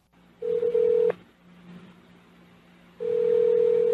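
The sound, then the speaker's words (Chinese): A steady telephone ringback tone sounds twice before the call is transferred to voicemail: one burst of under a second, then a pause, then a longer second burst. Each is clear and fairly loud over a faint background hum, with no voices. “您的电话将转接到语音信箱，嘟声后开始计费。”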